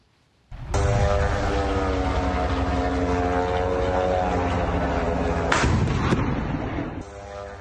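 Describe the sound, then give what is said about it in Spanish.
Russian air defense fire against Ukrainian drones heading toward Moscow on a Tuesday morning: a loud, continuous droning engine buzz with rapid firing fills the scene, broken by a couple of sharper bangs near the end, with no voices. “El alcalde de Moscú dijo que las defensas rusas derribaron 60 drones ucranianos que se dirigían hacia la capital durante la mañana del martes.”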